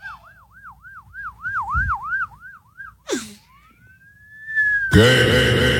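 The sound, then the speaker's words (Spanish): A person whistles a wavering, rapid up-and-down police siren imitation for about three seconds, then a long rising whistle, before a burst of loud, noisy sound cuts in. “Yo imitaba, puedo chiflar como una sirena de policía.”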